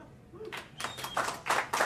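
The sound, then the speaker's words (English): A small audience claps in a few scattered, uneven bursts over about two seconds, moderately loud, with no talking over it. “Clap it up.”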